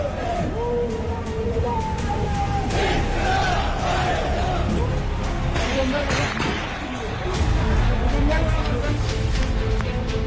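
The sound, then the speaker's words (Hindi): A large crowd protesting against Pakistani rule roars and shouts continuously in the streets of Muzaffarabad, Pakistan-occupied Kashmir, many voices blending into a loud, steady clamor with occasional louder surges and individual cries rising above the din. “शहबाज सरकार के होश उड़ाने के लिए भीड़ पीओजेके की सड़कों पर उतरी है।”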